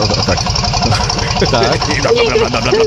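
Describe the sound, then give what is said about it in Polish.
The old diesel engine of a vintage car, recorded at the owners' wedding, runs at idle, a loud, steady low rumble with a fast, even knocking pulse throughout, while voices talk over it in the second half. “Stary dobry diesel, to słychać.”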